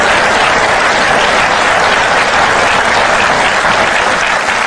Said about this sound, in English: Amen? That was like a golf clap. Can we give God better praise than that?